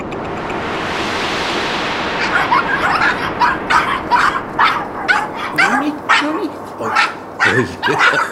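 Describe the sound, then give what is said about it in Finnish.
A King Charles spaniel puppy barks in a quick, uneven run of sharp, high yips, following a couple of seconds of steady rushing background noise. “Kato tätä kapokkia. Mä lupasin lapsille koiran, kun vaalit on ohi, kun en ole ehtinyt paljon kotona olla.”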